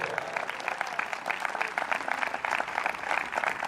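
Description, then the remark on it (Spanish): An audience at a church service bursts into steady applause for Christ, many hands clapping together in a dense, even roar that holds at a constant loudness throughout. “Un aplauso al Cristo de la gloria.”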